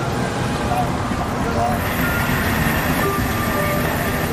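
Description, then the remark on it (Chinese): A train rumbles steadily at Tangshan South Station, China's first railway station, on an autumn morning, a dense, continuous roar with faint metallic squeals that holds an even loudness throughout. “秋日的晨光下，中国历史上的第一座火车站唐山南站更显古朴。”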